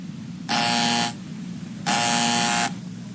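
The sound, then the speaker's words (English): A door buzzer, rung by a UPS delivery man with a package, sounds twice, each a harsh, steady electric buzz lasting well over half a second, separated by a short pause over a low background hum. “Do you want me to see who's at the door?”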